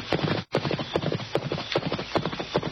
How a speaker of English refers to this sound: And as the great horses scrambled up the bank